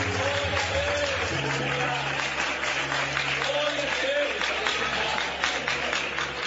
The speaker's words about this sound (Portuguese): Aplauda o Senhor Jesus.